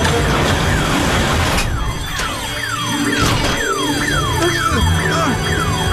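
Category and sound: signal or alarm, security alarm going off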